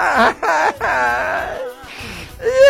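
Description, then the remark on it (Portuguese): An exaggerated, comedic crying wail from a person, with wavering, sobbing pitch bends broken into several drawn-out bursts, loud, ending in a higher whimpering rise. “Ai, rapaz, eu vivo chorando.”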